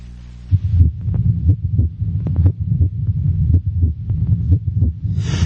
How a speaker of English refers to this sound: The first heartbeat, how did it originate?